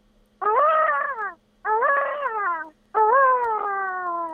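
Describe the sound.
A person imitates a peacock's call with three loud, wailing cries, each about a second long, strongly harmonic and sliding gently downward in pitch, separated by short pauses.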